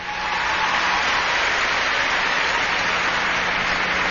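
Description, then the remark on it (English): An audience applauds steadily for about four seconds after being asked to applaud if they like Gorbachev, a dense, even wash of clapping at constant loudness, with no voices over it. “How many people here like Gorbachev? Applaud if you do.”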